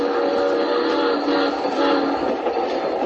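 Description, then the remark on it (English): A train rolls steadily along the rails, a loud, continuous rumble and rattle, with a sustained tonal hum riding over it during the first second or so. No voices. It is a passenger train travelling overnight. “Well, we'd been on the train overnight when he first mentioned it.”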